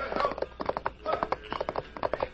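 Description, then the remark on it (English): Hooves of a ridden horse gallop out along a trail by a mine tunnel in a quick, steady rhythm of repeated clopping beats, moderately loud, with no other sounds competing. “As he passed the dark tunnel of the mine, he saw a shadowy figure ride out on the trail, and he recognized the horse he was riding at once.”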